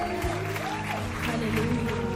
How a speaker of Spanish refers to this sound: Señor, dale un aplauso fuerte.